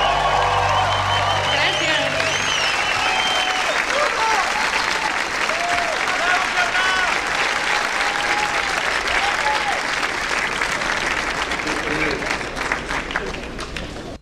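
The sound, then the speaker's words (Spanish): Sustained audience applause fills the whole stretch, a dense, steady wash of many hands clapping with cheers and shouted voices mixed in, staying loud throughout before tapering slightly at the end. “aplauso.”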